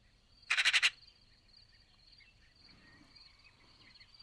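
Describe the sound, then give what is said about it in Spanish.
A Eurasian magpie (Pica pica) in Tuscany, Italy, gives a short, harsh chattering rattle of about five rapid notes in the background, then falls quiet over a faint, steady high-pitched background hum. “La estáis escuchando gallear de fondo, que es como se llama en castellano a su parloteo.”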